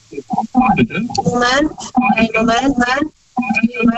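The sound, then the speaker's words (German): A radio plays faintly in the background of a phone line, with band-limited voices and music-like tones coming through the call's narrow, tinny sound. “Das Radio ist noch an. Kannst du das ausmachen, bitte?”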